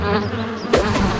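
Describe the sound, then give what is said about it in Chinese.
Bees buzz steadily in a dense, droning hum as they chase someone, with a sharper burst of noise partway through. Nobody speaks. “蜜蜂找俺。”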